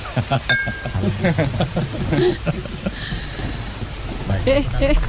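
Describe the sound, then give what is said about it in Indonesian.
Steady rain hisses in the background while people talk over it, the downpour forming a constant, fairly loud wash of noise beneath the voices. “Hujan begini enaknya minum kopi.”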